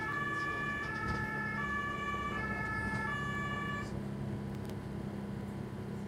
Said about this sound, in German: Auf der Promenade kann der Rettungswagen fahren. Am Strand geht das aber nicht.